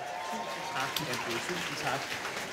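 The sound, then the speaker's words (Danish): An audience claps steadily throughout, a dense, crackling wash of many hands, with a voice murmuring faintly underneath, welcoming Mathias Hammer from the radio channel P2 onto the stage. “Giv ham en hånd.”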